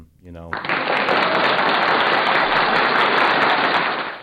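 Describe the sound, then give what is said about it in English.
After a brief spoken word, the hosts of Creative Control Radio on WPRK, Rollins College, Winter Park, give themselves a round of applause, several people clapping in a dense, steady, loud patter that holds for nearly four seconds before easing slightly at the end. “I'm going to go ahead and give us a round of applause right off the gate.”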